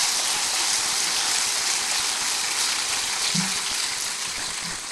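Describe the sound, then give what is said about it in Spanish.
A crowd claps steadily for about five seconds, a dense, even hiss of many hands with no single claps standing out, holding at a constant loudness and easing off only slightly at the end. “Dale un aplauso.”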